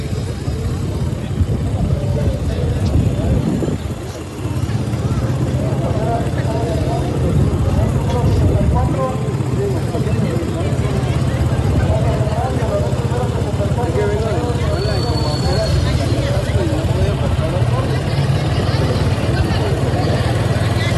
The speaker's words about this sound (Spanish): Pedimos al auditorio pues que busquen rutas alternas. El tráfico vehicular es bastante pesada.